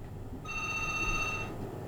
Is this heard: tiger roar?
no